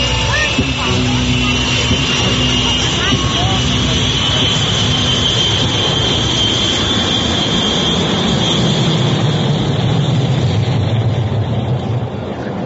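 A passenger plane bound for Tasco, its engines roaring loudly and steadily throughout, a broad rushing rumble topped by a high, thin whine that slowly climbs in pitch as the aircraft gathers speed for takeoff.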